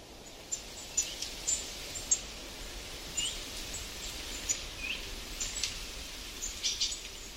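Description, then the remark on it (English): Many birds of many different varieties chirp and sing outdoors in the morning in the American West, a steady, overlapping chorus of short high calls coming from several directions, fairly soft, with a faint background hush and no talking. “When I go out in the morning, I hear like an orchestra of bird songs.”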